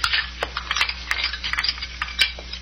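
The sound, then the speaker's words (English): Dirty dishes and cutlery clatter and clink in a quick, irregular series of sharp knocks and rattles, moderately soft, as they are gathered up and carried out into the kitchen, with no voices. “Might as well get some of these here dirty dishes out into the kitchen.”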